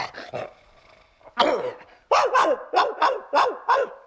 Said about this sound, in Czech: Vzpomínáte si? Provinilý je u dveří bytu zmasakrován psím štěkotem a my pro ten štěkot už máme odborný název. Říká se mu laterace.